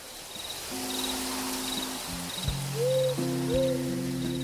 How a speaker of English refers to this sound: Do you know about the burrowing owl? Well, it's a species of owl that lives in underground dugouts or holes in California. Recently, because of development on owl habitat, their livelihoods are threatened.